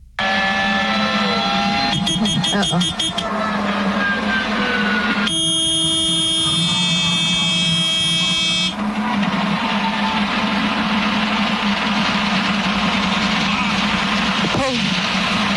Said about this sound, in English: Absolutely heartbreaking because you hear the engine failing in the background. You hear the alarms going off.